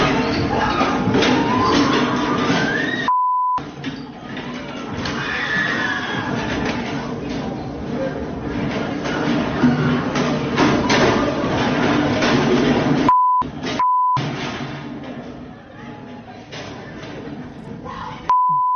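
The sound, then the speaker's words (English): Wooden chairs crash and clatter repeatedly as people throw them at each other on a Friday night in Washington, D.C., amid a loud, chaotic crowd of shouting voices, with several short electronic bleeps cutting through the commotion. “The noise you hear, they're throwing chairs, wooden chairs, at each other.”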